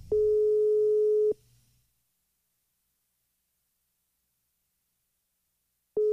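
A telephone ringback tone on an unanswered call: a steady, fairly loud electronic hum sounds for about a second, falls silent for several seconds, then starts again, with no one speaking.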